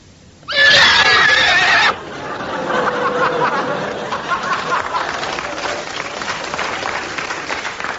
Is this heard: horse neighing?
yes